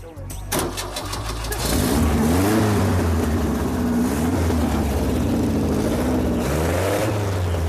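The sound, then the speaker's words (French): A new motor being started cranks and catches, then settles into a steady, loud whirring drone with a rising and falling pitch that sounds much like a hair dryer running. “T'as vu, ça fait aussi sèche-cheveux.”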